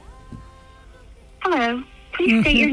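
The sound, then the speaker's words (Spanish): A phone line tone hums steadily for about a second, then a voice comes through the line in two short bursts, as a call placed from a mobile phone connects to an automated answering message. “Espera, vamos a llamarla. Le llamo yo desde mi móvil.”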